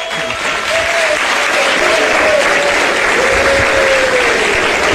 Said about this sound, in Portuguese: Senta, irmãos, desocupando as mãos, pode aplaudir o Senhor Jesus.